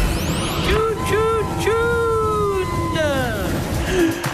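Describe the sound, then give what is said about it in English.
Busy street traffic: a steady rumble of engines with wailing sirens and honking tones rising and falling over it, loud and continuous throughout. “So much traffic.”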